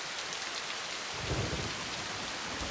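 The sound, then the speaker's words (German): Heavy rain pours down steadily in a storm, a dense hiss filling the scene, while a low rumble of thunder rolls in partway through. No voices, just the storm. “Zu klein für ein Unwetter wie das hier.”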